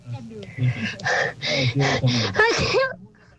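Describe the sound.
A run of short, voiced gasping breaths builds up and ends in a loud, strained sneeze with a pitched vocal burst, then the sound drops away to near silence.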